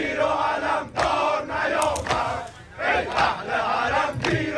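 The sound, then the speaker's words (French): A large crowd chants in unison, loud and rhythmic, with repeated surging phrases separated by brief dips, voices roaring together in bursts like a rally cry: chants of support for Khamenei at a funeral ceremony in front of the Grand Mosalla in Tehran, Iran, where participants hold photos of the supreme leader. “Les participants tiennent des photos du leader suprême, de la musique religieuse est diffusée et régulièrement des chants de soutien à Khamenei éclatent dans la foule.”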